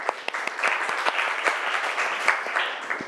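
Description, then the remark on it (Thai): A group of students in class claps together for classmates in group 3 who are about to present their answers, about three seconds of a steady patter of many hands with a few sharper individual claps standing out, fairly loud and continuous with no talking over it. “กลุ่มไหนคะกลุ่มที่3นะอ่ะก่อนอื่นปรบมือเพื่อนก่อนเร็ว”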